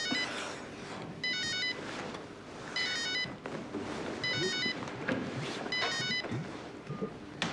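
telephone ringing

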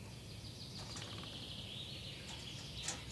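blue tit calling

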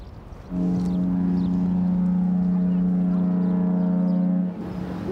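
boat horn

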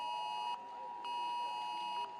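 smartphone emergency alert tone

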